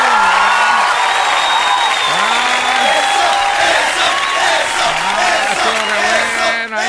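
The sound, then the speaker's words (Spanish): A loud crowd shouts and cheers over steady applause, with individual voices rising and falling in pitch above the dense roar for the whole stretch. “Pero no griten tanto.”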